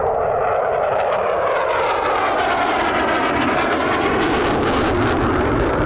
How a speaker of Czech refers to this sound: Zvuk Eurofighteru Typhoon je ale neuvěřitelný. Pustíme si teď kousek.